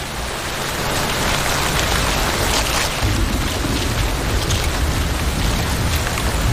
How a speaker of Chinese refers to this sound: 雨下得更大了，雨滴顺着树叶滑落，淋湿了巢中的欧戈东雏鸟。